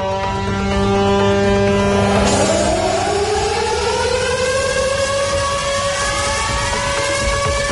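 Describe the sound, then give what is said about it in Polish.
Air raid sirens wail loudly and steadily at Westerplatte at 4:45, opening commemorations of the 87th anniversary of the outbreak of World War II; their sustained tone rises in pitch partway through as more sirens overlap, with wind noise underneath and no talking. “Uroczystości rozpoczęły się dźwiękiem syren alarmowych o 4:45, czyli w godzinę niemieckiego ataku w 1939 roku.”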